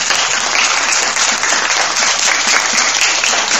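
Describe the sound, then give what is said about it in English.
Steady audience applause for the quiz master at a school quiz, a dense wash of many hands clapping at once, loud, holding even throughout without a break. “Round of applause for the quiz master.”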